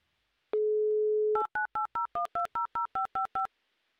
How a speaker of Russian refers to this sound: Будем перезванивать? Ну, давай, конечно, перезвоним. А нам не жалко, что время у нас есть. Мы здесь для этого и сидим. Еще раз звоним в Москву.